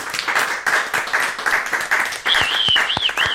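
An audience at the Point Commun applauds the sound engineer steadily, a dense crackle of many hands clapping at an even level throughout, with a few sharper individual claps and a high whistle rising over it near the end.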